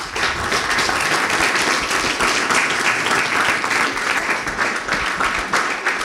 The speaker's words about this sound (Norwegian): Ja, dere hører det at nå stillende applausen I bakgrunnen her, og det fordi at det på Kulturskolen I Ålesund, der akkurat flere representanter fra Hans Majestets Kongens Gardes musikk- og drilltropp fortalt om deres sin hverdag.